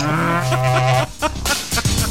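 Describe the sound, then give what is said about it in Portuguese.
A loud, low, droning bellow of a berrante cattle horn blast holds steady for about a second, followed by a few short, noisy bursts. “bota pra torar, toca o berrante no ouvido desses bois.”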